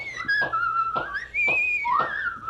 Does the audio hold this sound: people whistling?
yes